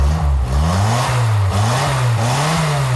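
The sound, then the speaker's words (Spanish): A small Simca car's Barreiros engine revs loudly, its low drone rising and dipping in repeated waves over a few seconds, with no voices. “este Sinca funciona de maravilla, ¿eh? Lleva un motor Barreiros.”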